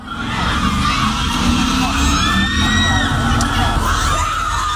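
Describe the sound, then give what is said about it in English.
A loud, dense crowd of girls standing behind a police line screaming and cheering nonstop about an attractive firefighter, with overlapping high-pitched shrieks and squeals rising over a constant roar of excited voices. “There's all these girls behind it and they're screaming how attractive he is.”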